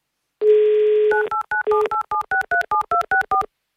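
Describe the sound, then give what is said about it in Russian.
A steady dial tone hums for under a second, then about a dozen quick, evenly paced touch-tone beeps sound as a radio station keys in a phone number to call a listener in Sevastopol, each beep a short two-note chirp. “ну, мы вам прямо сейчас звоним, надеюсь, мечту исполним в одном из суперфиналов.”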